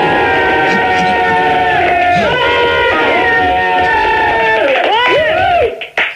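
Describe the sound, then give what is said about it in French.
A loud, dense roar of recorded crowd cheering played from a cassette fills the whole clip, many voices shouting together with rising and falling yells, before cutting off abruptly near the end. “Tu peux les refaire gueuler une autre fois, là? Non, c'est une cassette.”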